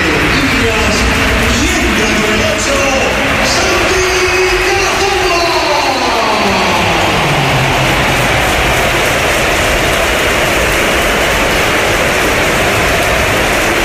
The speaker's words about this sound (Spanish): Y esta es la ovación que le ha dedicado el Bernabéu, que ha sido espectacular también cuando entraba el jugador del Oviedo.